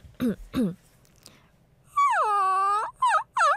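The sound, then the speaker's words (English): A woman imitates a crying Maltese puppy with high, nasal whimpers: two short whines, a pause, then a long drawn-out whine followed by two more quick ones, clear. “우는 강아지 소리를 낸 적이 있어요.”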